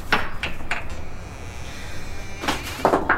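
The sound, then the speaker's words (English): A wooden coal shed door is worked open: a few sharp rattling knocks, a brief quiet pause with a faint hum, then more clunks and a scrape as it swings. “Now open that coal shed door.”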